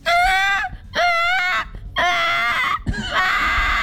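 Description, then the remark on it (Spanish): A voice imitates a baby crying in four loud, high-pitched wailing bursts, each about half a second to a second long with brief gaps between them, the tone straining and wavering. “Un bebé llorando.”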